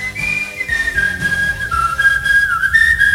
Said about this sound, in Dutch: Al fluitend de vrijdag in met …